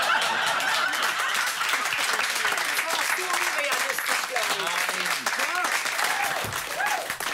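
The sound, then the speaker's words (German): Steady, dense audience applause fills the whole stretch at an even loudness, with scattered cheers and a few voices calling out above the clapping. “Wir warten nur ab, bis der Applaus sich gelegt hat.”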